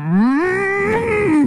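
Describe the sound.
A person imitates a cow's moo in one sustained, loud call that rises in pitch, holds, then dips at the end, lasting just over a second.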